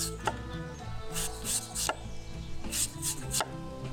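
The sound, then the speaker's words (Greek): A knife chops finely on a cutting board in quick, uneven taps, moderately loud, with no one speaking over it. “Στην άκρη μαζεύουμε και ψιλοκόβουμε.”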